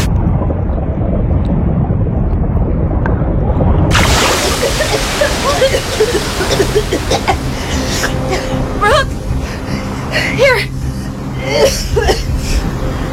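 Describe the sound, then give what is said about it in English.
A low, muffled rumble of water builds, then an ocean wave crashes in loudly over swimmers near the edge of a reef and keeps churning and sloshing, overwhelming, with faint cries mixed into the turbulence. “Just stay calm and here comes another wave.”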